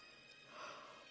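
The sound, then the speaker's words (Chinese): A person yawns, a soft, breathy exhale that swells in the middle and fades, quiet, with no talking. “我想跟你们解释为什么我怎么老是打哈欠。”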